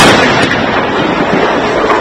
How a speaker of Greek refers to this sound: Κατά διαστήματα και μόλις πριν από λίγα λεπτά ακούγονται εκρήξεις, είτε είναι φιάλες προπανίου οι οποίες είδαμε να εκτοξεύονται.